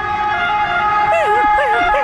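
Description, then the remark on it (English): An Italian fire engine siren blares loudly, a steady droning tone joined midway by rapid warbling wails that repeat in quick succession. “Who knew that we have different sirens around the world for our fireys?”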